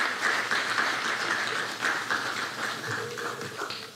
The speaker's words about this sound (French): S'il vous plaît, vous nous capables d'applaudir femmes qui travaillent dans la Fondation Fontaine, dans la Cité Soleil, malgré la situation difficile en Haïti. Applaudissez,